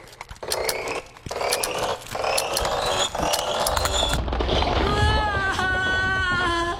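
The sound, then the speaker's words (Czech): A mechanical clock being wound with a key: a steady series of sharp ratcheting clicks for a few seconds, then giving way to a low rumble and a faint humming tone. “Vždycky otáčím klíčkem jen pětkrát.”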